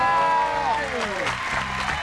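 An audience breaks into a dense, steady wash of clapping that builds in as a sliding, descending tone fades out, then carries on at a fairly strong level.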